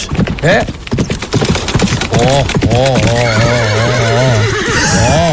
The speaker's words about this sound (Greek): Χλιμιντρίζει κιόλας. Έρχεται, έρχεται με το άλογο.